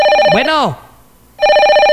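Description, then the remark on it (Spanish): A mobile phone ringtone plays as a steady, bright, multi-tone electronic ring, broken by a gap of silence and then resuming. A sweeping voice-like warble rises and falls over the start. “Vamos, suena manada. Mi teléfono.”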